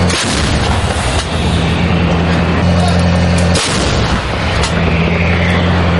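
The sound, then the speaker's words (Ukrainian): A 155 mm Paladin self-propelled howitzer fires nearly ten shells one after another, each sharp blast breaking through a constant loud, droning engine rumble with a steady low hum. “Один за одним в бік штурмових груп рашистів вилітає майже десяток снарядів.”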